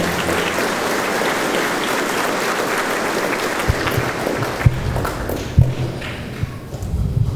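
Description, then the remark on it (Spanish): A crowd claps steadily for the mothers at a gathering, a dense wash of applause that thins out toward the end, leaving a few scattered louder claps and thumps. “Un aplauso fuerte para las mamitas.”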